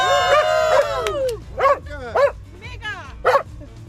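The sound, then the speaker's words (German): A dog barks, a drawn-out whiny yelp followed by four sharp, high-pitched barks spaced roughly half a second apart over a low background hum. “Weder bellt,”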